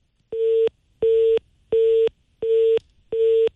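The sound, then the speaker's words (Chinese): A telephone busy tone after a call to a manager at the Shuangye home furnishings firm was rejected: five short, identical steady beeps in an even on-off rhythm, loud, with no voices. “您拨打的用户正忙，来电信息将以短信的形式通知他。”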